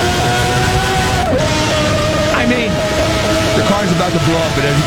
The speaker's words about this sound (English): No traction control, ABS. No ABS, no traction control. Just a bunch of horsepower and aero. And this is a V12.